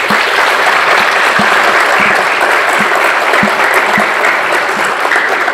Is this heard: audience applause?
yes